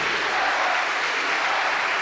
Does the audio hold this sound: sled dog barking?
no